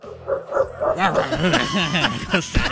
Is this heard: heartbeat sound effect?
no